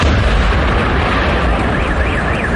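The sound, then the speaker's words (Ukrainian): A powerful explosion roars, a loud sustained blast with a deep low rumble that fills the entire moment without letting up, as a drone dives onto an oil refinery in the industrial zone of Yaroslavl, Russia. Nobody speaks. “На кадрах, точне місце зйомки яких підтвердили аналітики, зафіксовано, як один із безпілотників проходить над промзоною Ярославля та пікирує з наступним потужним вибухом на території заводу.”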